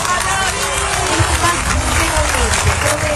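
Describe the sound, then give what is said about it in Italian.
A crowd applauds Dori Ghezzi in a steady, dense wash of clapping that holds an even loudness throughout, with a murmur of voices mixed into the noise. “Ecco, Dori Ghezzi così, applaudita anche da chi era lì, da una parte di chi era lì, che è insomma d'accordo col fatto che Matteo Salvini potesse restare lì, che non ci fosse nessun problema, perché democratici, aperti al confronto, eccetera, eccetera”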